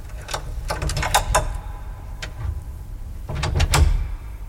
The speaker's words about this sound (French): Et maintenant, avec un peu de sueur sur les tempes et un peu de honte au cœur, je sors de ma poche le même crochet et le glisse dans la serrure de la première petite porte.